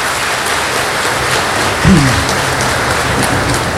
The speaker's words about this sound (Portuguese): Então uma salva de palmas, bem bonita.